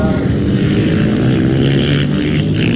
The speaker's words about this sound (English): It's a race meet for British, European and American motorbikes, and today's event is also a tribute to the late motorbike inventor John Britton.